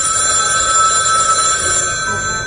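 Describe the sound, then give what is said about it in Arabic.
A telephone bell rings loudly and steadily in the house of Mohammed Abdel Wahab in 1959, a continuous metallic trill that keeps going without pause for the whole moment, with no voices present. “جرس الهاتف يرن.”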